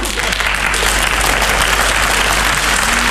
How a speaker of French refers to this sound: Ils applaudissaient plus fort que ça, je pense. Alors les gens applaudissaient, ils applaudissaient, les gens. Ils applaudissaient.